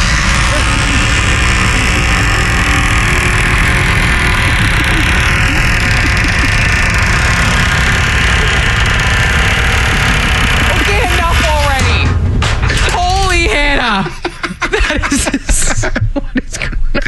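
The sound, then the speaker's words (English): A creaky door with unoiled hinges at the back of a workplace swings shut, its hinges letting out a series of wavering, rising and falling squeals after a long stretch of loud, steady rushing noise, ending with a few sharp creaks. “Here it is being closed.”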